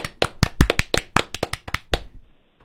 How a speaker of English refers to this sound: Big round of applause